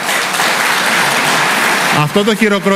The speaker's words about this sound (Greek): Αυτό το χειροκρότημα δεν ανήκει σε μένα.